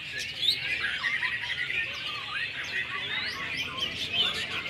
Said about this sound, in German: Während die Vögel zwitschern, fachsimpeln die Besitzer im Schatten über die perfekte Technik eines echten Meistersängers. Das klingt sehr rau und etwas abgehackt.